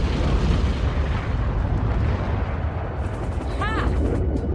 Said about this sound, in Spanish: Recoge un lanzagranada, se arrodilla en la puerta lateral abierta y dispara. La granada impacta en la torre desde la que dispara el guardia y explota.